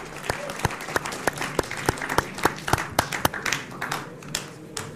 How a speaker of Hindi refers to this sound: तालियों के साथ आप दोनों का बहुत बहुत स्वागत है।